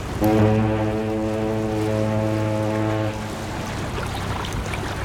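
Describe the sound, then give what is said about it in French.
A ship's horn sounds one deep, loud blast lasting about three seconds, then cuts off, leaving a steady rumble of engine and churning water as the boat pulls away, carrying a small group home. “Le lendemain, toute la petite bande retourne prendre le bateau pour rentrer à la maison.”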